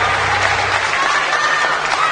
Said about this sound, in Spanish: Un fuerte aplauso, che, para ….